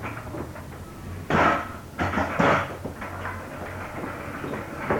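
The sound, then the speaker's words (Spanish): A door is pushed shut with a few heavy wooden thumps and a brief rattle, over a steady low background hum. “cierren la puerta.”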